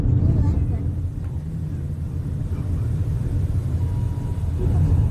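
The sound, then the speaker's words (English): A car engine rumbles steadily for the whole stretch as the car turns around near a wildfire in Spokane County, Washington state, a deep, even drone that swells slightly near the end, with a rough roaring background. “There's a car. Oh, they're turning around.”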